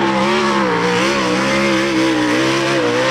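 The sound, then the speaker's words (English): A loud sprint car racing engine revs steadily, its harmonic roar wavering up and down in pitch as it holds near full throttle, continuous with no voices. “If you've never seen the sprint cars, that's what they sound like.”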